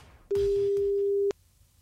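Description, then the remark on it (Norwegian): A single steady telephone ringing tone of an outgoing call to a contest winner sounds once for about a second, a clear, loud, even hum with faint clicks at its start and end, and no voices. “Så nå slår jeg på tråden til en heldig vinner.”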